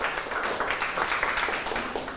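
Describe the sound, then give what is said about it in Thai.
A group of schoolchildren clapping their hands for a classmate who answered a question correctly during a class activity, a steady, dense patter of overlapping claps that holds at an even loudness throughout, with no voices standing out. “หมวดเครื่องใช้หรือของใช้ใช่ไหมครับคำตอบคือถูกต้องนะครับปรบมือให้เพื่อน”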